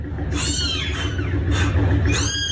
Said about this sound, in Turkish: Anne kedi yavrularını merdiven boşluğundan girdiği evin zemin bölümünde dünyaya getirdi. Sesleri duyulan yavru kediler bulundukları yerden çıkarılamayınca itfaiyeye haber verildi.